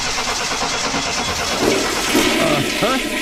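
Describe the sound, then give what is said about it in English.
A car engine cranks and turns over as the car is started for a check, a loud, rough, steady roar with a brief rising whine toward the end. “Hey, thanks for taking a look at my car so quickly. Okay, start it up.”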